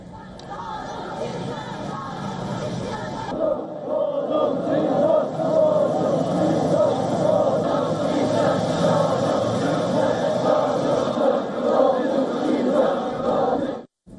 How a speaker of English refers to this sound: On the route to the airport, crowds from across Pyongyang lined up the streets, waving the national flags of China and North Korea, carrying flowers and chanting slogans celebrating the